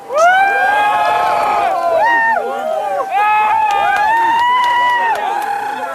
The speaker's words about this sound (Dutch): Je hoort de mensen juichen. Ik draai mij even om. Het is helemaal donker.